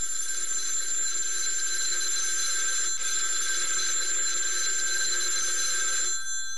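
A telephone bell rings continuously in a steady, shrill, metallic trill for about six seconds, loud, then cuts off abruptly near the end, in the president's office at Peking University on the morning of 19 September 1931. No one speaks.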